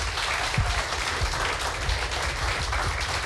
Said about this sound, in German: Applaus bitte noch einmal für alle drei.